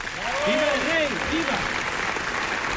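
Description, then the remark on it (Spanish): A large crowd in the packed Palacio de las Cortes gives a loud, sustained ovation for Alfonso XIII after his oath to the Constitution, dense clapping filling the whole clip, with a few voices calling or cheering over it early on. “En cierta medida, los aplausos avientan la tensión propia de un evento de inapelable trascendencia como el que estamos viviendo”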